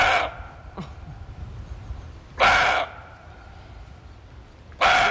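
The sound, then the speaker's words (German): A roe buck barks three times, partly to drive off rivals, each a short, hoarse, doglike bark spaced a couple of seconds apart, with quiet background between calls and no talking. “Der Rehbock, der gauzt wie ein Hund”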